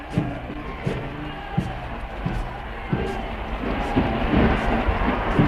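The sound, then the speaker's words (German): A large crowd cheers the Führer on the square in front of a railway station in a dense, continuous roar, with sharper shouts or bursts rising out of the mass every second or so, the din swelling slightly toward the end. “Unser ferner Volk jubelt und jubelt.”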